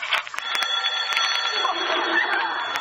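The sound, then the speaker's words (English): A telephone rings with a continuous, shrill, buzzing bell tone that holds steady for about three seconds, broken by a few faint clicks. “It's the phone ringing.”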